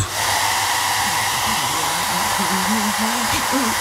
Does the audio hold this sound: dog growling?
no